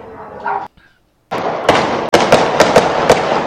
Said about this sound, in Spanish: A ver, oiga, ¿cuántos disparos escucha usted? Usted que me está escuchando. Va. No, sí son 9. A ver, que se hagan aquí la red. Que empiezan las apuestas, señores. ¿Cuántos disparos escucha usted, oiga? Vamos a poner otra vez.